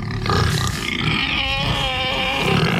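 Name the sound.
pig grunting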